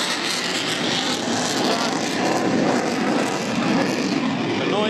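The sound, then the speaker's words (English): A small propeller aerobatic plane roars loudly overhead in a pull-up over the crowd at Mindle Beach at sunset, almost on its half axis, its engine noise a dense, steady roar that fills the whole five seconds without letting up. “Yes, the sun is setting over Mindle Beach and we can see the plane almost on its half axis, pulling over the crowd, pushing up.”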